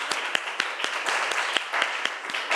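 A group claps together in a steady, fairly quick rhythm, the sharp slaps blending into a dense wash of applause that stays even in loudness throughout.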